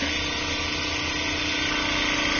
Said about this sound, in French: Donc en fait, ça va agiter très rapidement avec des petites billes à l'intérieur. Et donc ça va permettre de déstructurer le tissu. Ah oui, ça vibre très fort là. Ah oui, ça vibre très très fort. Il est broyé là.